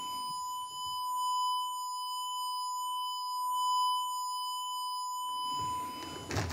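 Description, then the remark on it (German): A steady, high-pitched whistling tone imitating tinnitus holds unbroken for several seconds, a pure sine-like pitch with faint higher harmonics, framed by brief noisy bursts at the start and end. “Das ist nicht nur irgendwie ein Säuseln, das man im Ohr hat oder so, sondern das ist ein Pfeifen, das halt wirklich, ich nenne es mal so, durch den Kopf geht.”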